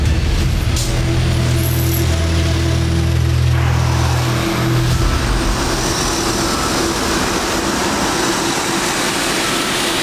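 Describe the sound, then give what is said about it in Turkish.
Steady street traffic with taxis driving past, a heavy engine rumble for the first few seconds that fades as the vehicle moves on, leaving a constant wash of passing cars. “Taksilerde yolcu yoktu ama hiçbiri durmadı.”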